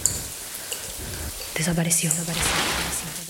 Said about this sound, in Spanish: La cortina se agitó levemente y un silencio súbito llenó el baño. Cada gota de agua parecía más fuerte, más cercana.